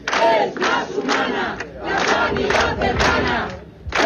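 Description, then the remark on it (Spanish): A large crowd of protesters from the platform defending public healthcare in Área 3 chants loudly at an afternoon rally in Águilas, in a steady, rhythmic cadence, many voices shouting each syllable together in pulsing bursts, with a brief drop between phrases before the chant resumes. “pese al anuncio de la Consejería de Salud de que a finales de año entrará en funcionamiento el Centro Integral de Alta Resolución de Águilas, la plataforma en defensa de la sanidad pública del Área 3 se ha concentrado esta tarde en esa localidad.”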